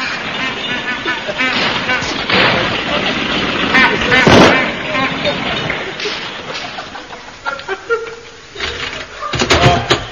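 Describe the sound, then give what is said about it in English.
A car engine rumbles as a chauffeur pulls the car up, rough and noisy, with a sharp backfire-like bang midway before the motor settles and sputters near the end. “Hello, the car's ready.”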